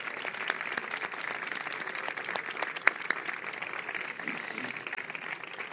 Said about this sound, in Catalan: I amb aquest convenciment ens fa molt feliços poder anunciar-vos que aquest any hem arribat a 60 persones inscrites en el voluntariat. Així que també m'agradaria donar un fort aplaudiment a totes elles.